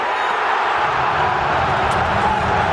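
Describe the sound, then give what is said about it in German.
A football stadium crowd cheers in a dense, continuous roar that holds at a steady, loud level throughout, with no single voice standing out. “Was aber immer bleibt, ist der Jubel.”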